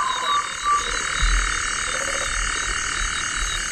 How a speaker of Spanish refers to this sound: Y un sapo, ¿eh? También hay sapos.